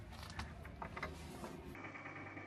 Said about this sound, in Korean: 관리인이 오래된 나무 열쇠로 조심스레 빗장을 여는데요.